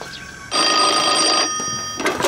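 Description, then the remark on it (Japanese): A telephone rings with a steady electronic tone lasting about a second, heard through a phone line, followed by a brief pause and the start of another ring. “電話がありませんか？俺の小川さんと連絡しよう。”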